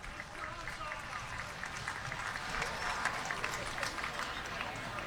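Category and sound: crowd, stadium crowd applause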